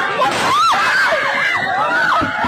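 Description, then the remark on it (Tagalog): Several voices scream and wail in rising and falling cries over a dense, noisy commotion with a few sharp burst-like hits mixed in: rapid successive gunshots amid crying, panicked students at San Jose National High School in Tacloban City, Leyte. “Boses ng nagtuturo na guro, sunod-sunod na putok ng baril ang umalingaw-ngaw sa San Jose National High School sa Tacloban City sa Leyte.”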